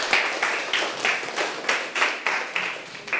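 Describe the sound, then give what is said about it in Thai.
Students in a class clap for a classmate who has just answered, a group applauding together in a steady burst, the claps coming in a fairly even rhythm with slight surges, moderately loud, with no talking. “ปรบมือให้เพื่อนค่ะ”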